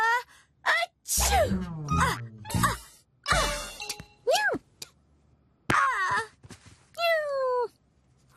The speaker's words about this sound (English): The cat is making me sneeze. I'm allergic to cats.